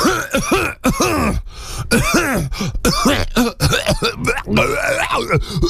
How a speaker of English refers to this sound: Excuse me, I had to clear my throat.